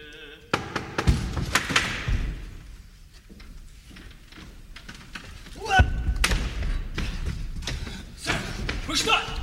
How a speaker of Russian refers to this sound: Свивеллер стучит колотушкой, но ответа нет.